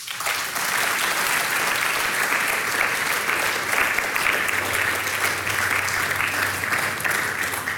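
Sustained applause from an audience for a band on stage, a dense, steady wash of many hands clapping at even loudness for several seconds, with no voices rising above it.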